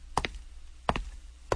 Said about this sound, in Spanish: Ey, es a ti, joven. Tocan a tu puerta.